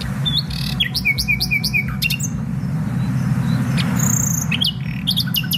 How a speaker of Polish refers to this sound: śpiewają nie tylko w nocy, też w ciągu dnia, ale to w nocy najłatwiej je usłyszymy, bo nie ma zakłócaczy, więc one wówczas tak fantastycznie brzmią. Śpiewają dość krótko, bo zaledwie 3-4 tygodnie, no ale kto śpiewa tak jak słowik?